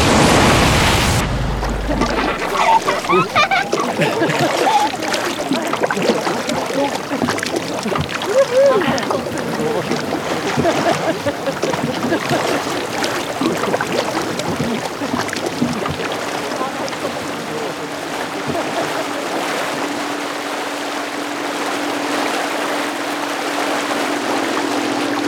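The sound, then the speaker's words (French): A boat on a short outing pushes steadily through water, with continuous rushing and splashing and a low engine-like hum that settles in toward the end; indistinct voices may sit beneath the noise. “Vous êtes à bord du Scarven ou du Scarmit. Le nom de ce bateau apparemment est encore ouvert au vote et à la réflexion.”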